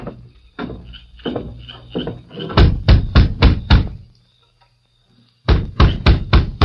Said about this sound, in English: Now you knock on the door.